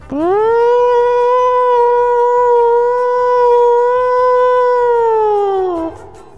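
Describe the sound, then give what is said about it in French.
A voice imitates a siren with one long, loud wail that rises at the start, holds a steady pitch for about five seconds, then slides down and cuts off. “Et toi, tu l'as fait beaucoup mieux, la sirène.”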